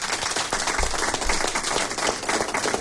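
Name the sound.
round of applause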